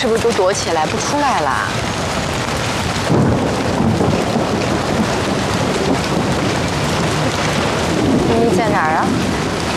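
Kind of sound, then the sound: nature, heavy rain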